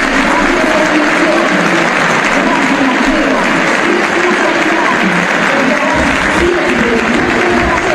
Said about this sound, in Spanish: Los aplausos a los 10 minutos para el más grande de todos los tiempos, para Lionel Messi, como se hizo en cada uno de los partidos. Escuchamos los aplausos para el 10 de la selección que no se retirará nunca.